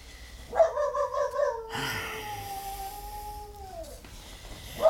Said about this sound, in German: Dieses Hundevieh, das kläfft einen ja in Grund und Boden hinein. Eine Unverschämtheit ist es, einen Hund in der Nacht zur Gauze zu lassen.